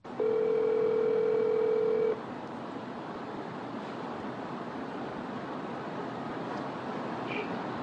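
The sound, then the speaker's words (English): A steady telephone tone of an outgoing call to a former owner sounds for about two seconds, loud, then cuts off, leaving a continuous rushing hiss like wind or surf. No one speaks. “Here's what that phone call was like.”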